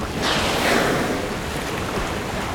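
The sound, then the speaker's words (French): Waves crash against cliffs on the south coast of England in a steady, broad roar of surf that swells early on and then holds as a continuous wash, with no voices present. “J'entends le bruit des vagues qui se fracassent contre les falaises.”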